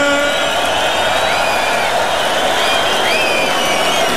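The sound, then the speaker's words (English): A Tomorrowland festival crowd roars with steady, dense cheering and applause for DJ Charlotte De Ritter, with high whistles and whoops rising over the noise throughout, loud and unbroken for the whole stretch. “Put your hands up for the bus. And make some noise for the DJ, Charlotte De Ritter.”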